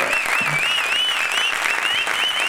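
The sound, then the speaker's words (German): Steady, dense applause fills the whole stretch at an even loudness, with a high, wavering whistle-like tone riding over the clapping throughout. “Und unser Platz 1. Applaus!”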